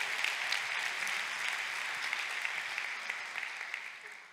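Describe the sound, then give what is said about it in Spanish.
An audience applauds steadily, dense clapping from many hands filling the space at a fairly even level before tapering slightly at the end. “Date otro aplauso ahora tú.”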